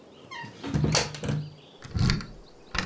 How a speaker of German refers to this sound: schließ die Tür ab. Oh ja, hätte ich fast vergessen.